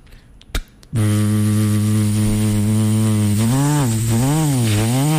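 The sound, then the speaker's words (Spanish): A couple of sharp clicks, then a barber's electric hair clipper switches on with a loud, steady low buzz that later starts to waver up and down in pitch as it keeps running. “Cambio, hay otros que cogen y prenden la máquina.”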